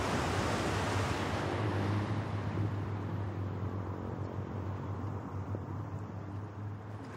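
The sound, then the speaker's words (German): Steady wind roars across the microphone with the broad wash of surf rolling on the sea beach at Pärnu, Estonia, a continuous, fairly loud rumble with no voices. “Windig, frische Luft.”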